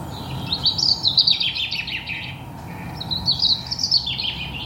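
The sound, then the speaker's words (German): Shrill, high-pitched recorded birdsong in two bursts of rapid chirping trills, played to cover traffic noise, heard over a steady low rumble of traffic. “Ich habe herausgefunden, je schriller ein Vogelgesang, desto besser überdeckt es.”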